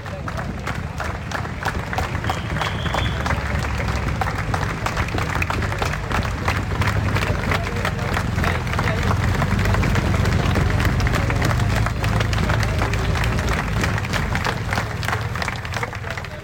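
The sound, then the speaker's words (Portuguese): A large crowd of many thousands from Faf applauds at a cycling stage finish on Avenida 25 de Abril in Faf as the peloton arrives after the stage was neutralized, a dense, steady roar of clapping mixed with cheering and crowd noise that stays loud and continuous throughout. “Estas são as palmas do povo de Faf e de todos aqueles muitos milhares que estavam na chegada na Avenida 25 de Abril em Faf, quando o pelotão chegou após a etapa ter sido neutralizada.”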